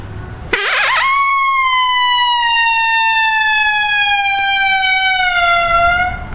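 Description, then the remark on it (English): A person imitates a long, lonesome howl: one loud, sustained wail that rises sharply, then glides slowly downward for several seconds before breaking off at the end. “And I'll do a lonesome howl here, and like a long howl.”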